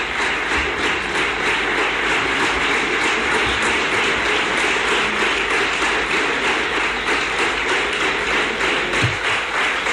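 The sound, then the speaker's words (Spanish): Sustained, dense applause from Partido Popular representatives in a parliamentary chamber for investiture candidate Juanma Moreno, a steady wash of many hands clapping at once without letup, loud and continuous throughout. “Pues de nuevo también largo este aplauso de los representantes de la Cámara del Partido Popular a Juanma Moreno.”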